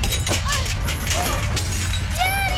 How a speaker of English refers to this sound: What's going on? It's an earthquake.